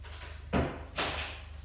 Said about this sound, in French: Ouvre la porte de son appartement. Éclaire et le fait rentrer.